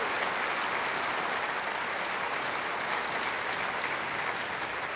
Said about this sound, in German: Allein schon in meinem Orchester haben wir 17 Nationalitäten. Ja, dafür können wir klatschen.